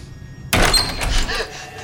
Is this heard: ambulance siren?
no